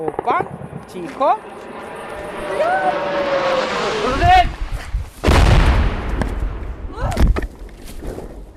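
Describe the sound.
A hissing engine whine from an approaching Russian drone rises and sweeps in over a few seconds as it passes a few hundred metres away and strikes a nearby railway line, broken by heavy booming blasts and sharp bursts of anti-aircraft fire, with a shouting voice over the din.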